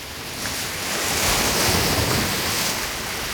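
Ocean surf washes in steadily, a broad rushing wash that swells to a fuller roar midway and then eases slightly, with some wind noise and no voices.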